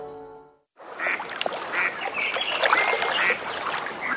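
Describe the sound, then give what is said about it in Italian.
After a brief steady tone and a short gap, a busy ambience of Lake Garda fills in, with ducks quacking and honking and a rowing boat over a continuous wash of water and outdoor noise. “La senti? È l'armonia del lago.”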